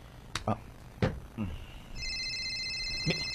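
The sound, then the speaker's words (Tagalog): A few short thumps and vocal bursts, then a cellphone starts ringing with a steady, bright electronic tone that continues to the end, moderately loud. “Cellphone ko.”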